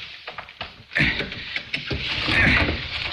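Harsh scraping and grinding as a small piece of steel pries at a window frame to get inside, starting with a few small clicks, then swelling into a sustained, straining creak that builds toward the end.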